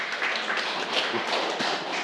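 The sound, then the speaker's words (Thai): A classroom full of students claps together for a classmate's correct answer during a science lesson, a dense, steady patter of many hands for a couple of seconds without a break. “นั่งลงเลยนะครับเพื่อนๆต้นทางคิดว่าคำตอบของเพื่อนถูกไหมครับถูกต้องนะครับปรบมือให้เพื่อนดังๆเลยครับ”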